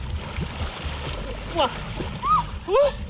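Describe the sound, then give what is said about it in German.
Continuous splashing and sloshing of water as three dogs wade into the Nahe river near Bad Kreuznach, with a few short high squeaky chirps rising over the churn near the end. “gemeinsam gehen die zusammen bei Bad Kreuznach an die Nahe in den Fluss.”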